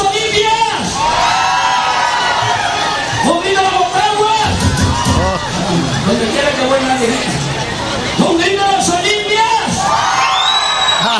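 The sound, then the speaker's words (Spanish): A loud crowd of Olimpia football fans chants and shouts together, singing live, voices rising and falling in sung phrases with whoops breaking through a constant dense roar of many people. “Están gritando las Olimpias, ¿ah? Ahí escuchemos va. El ambiente.”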